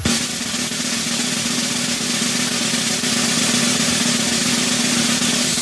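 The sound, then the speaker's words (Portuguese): An electric kettle boils with a steady rushing hiss over a low constant hum, holding an even loudness throughout with no voices. “Chaleira elétrica ou cuia de chimarrão?”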